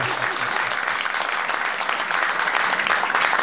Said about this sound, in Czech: No, my tě povzbudíme potleskem, snažíš se, zdařile.